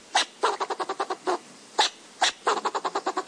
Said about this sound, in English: And that means learning the other voices in the ecosystem, too. Like the fox squirrel's barks.